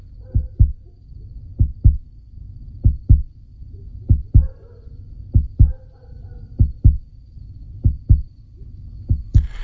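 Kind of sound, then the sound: human body sound, human heartbeat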